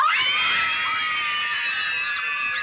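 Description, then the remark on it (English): Many children scream together at once at a children's party, a dense, loud, high-pitched wall of overlapping shrieks that keeps going for a few seconds without a break. “Yes, screaming children, pass the parcel, party bags.”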